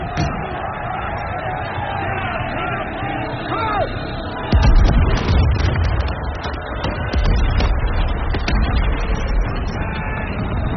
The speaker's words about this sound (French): Au matin du 7 septembre 1812, les canons tonnent et le ciel s'embrase. À Borodino et dans les collines alentours, on dénombre 140 000 hommes pour la grande armée contre 150 000 côté russe.